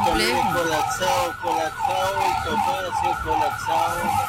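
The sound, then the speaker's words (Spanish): An ambulance siren wails in a steady repeating pattern as the ambulance sits stuck in heavy city traffic, amid constant traffic rumble, loud, with faint voices underneath. “Hasta ambulancias atascadas ahí en medio del tráfico.”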